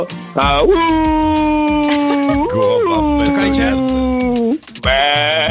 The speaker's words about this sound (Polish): Po co poznałeś, że to owce, nie kozy? Bo ja się znam na zwierzętach.